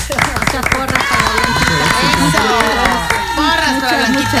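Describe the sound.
A steady burst of applause with scattered sharp claps, mixed with several voices talking and cheering over it, staying loud for the whole stretch.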